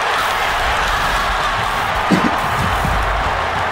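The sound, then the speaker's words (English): A huge stadium crowd at a football match roars continuously after a winning goal by Cook as the siren sounds, a loud, dense wall of cheering that holds steady throughout, with a few indistinct shouts rising briefly from the din. “Might be the loudest crowd we've heard in a long, long time.”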